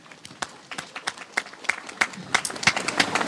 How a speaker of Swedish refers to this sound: Och framförallt till er tappra kommunvalskandidater som står här nu och samsas under paraplyerna på ett jättefint sätt. Alltså, tack för det. Och om det är någon kvar så gärna en applåd till de här kandidaterna.